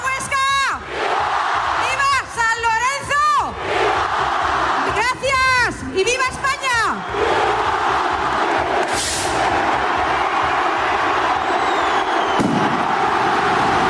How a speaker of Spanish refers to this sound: El estallido del cohete anunciador tempranero este año con algún minuto de adelanto ha dado paso en Huesca al inicio de las fiestas de San Lorenzo, con una marea blanca y verde que durante 7 días toma sus calles.